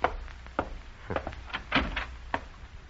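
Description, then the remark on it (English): A front door is opened to answer a caller after the buzzer, with a handful of sharp clicks and wooden knocks from the latch and handle spread over a few seconds, and no voices. “Oh, get the door, will you, dear?”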